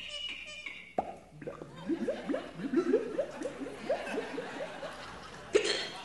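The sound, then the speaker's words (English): A vocal sound-effects performer imitates water gurgling out of a bottle when the cork is pulled, a rapid run of wet, hollow glugs and pops lasting several seconds, fairly loud with some background noise behind it. “And water gurgling, you know, when you pull the cork out of the bottle.”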